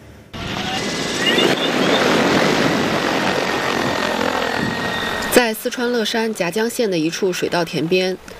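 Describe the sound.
A crop-spraying drone whirs loudly and steadily up close, its rotors buzzing with a high whine for about five seconds before the noise cuts off and a person starts talking.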